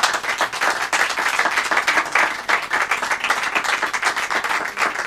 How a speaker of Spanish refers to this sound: Que también ha venido acá mi madre. Fuerte el aplauso para ella.